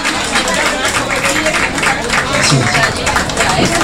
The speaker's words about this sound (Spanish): Bueno, como siempre digo, fuerte el aplauso para nuestra querida reina